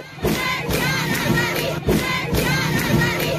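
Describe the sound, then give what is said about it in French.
A loud crowd of student protesters shouts together in the street in 2022, many voices overlapping in a dense roar, with rhythmic surges like chanted slogans and occasional dull thumps. “Nous avons commencé à manifester.”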